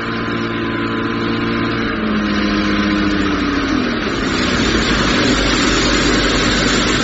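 A motorboat engine runs steadily on a river, a droning mid-pitched hum with harmonic tones that shift slightly as it passes, continuous throughout with no talking.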